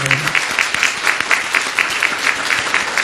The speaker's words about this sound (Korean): 환영 박수 한번 해주시기 바랍니다.